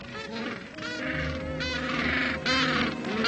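A dense chorus of penguins calling on a beach after returning from foraging at sea and seeking mates, many harsh, honking cries overlapping continuously, loud, with no voices or pauses.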